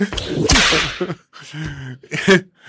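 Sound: whip crack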